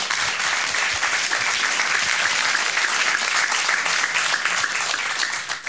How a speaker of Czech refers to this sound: Tolik úvodem, Parapleti zatleskejme za to, že vůbec jsou.